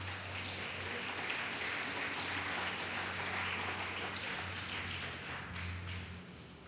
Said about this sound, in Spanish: Eso lo hace el Señor. Denle un fuerte aplauso a Cristo.